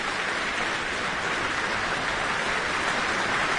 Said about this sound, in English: accepting the applause from the audience here in the Michael Fowler Centre.